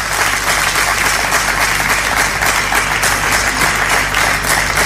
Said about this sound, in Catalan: Felicitats i un aplaudiment per la Comissió de Festes.